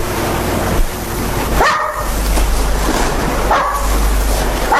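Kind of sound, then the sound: animal, small dog barking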